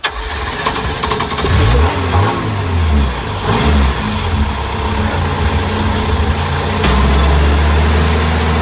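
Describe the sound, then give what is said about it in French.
An engine cranks and catches, then revs up and down in rising and falling surges before settling into a steady, loud rumble, with no voices. “Bon, c'est un bruit de moteur, hein, vous l'avez compris.”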